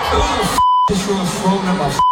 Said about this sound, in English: He suffered from a mild concussion. The phone hit him in the temple. You can hear him through the many swearing beeps here. Complaining about the incident.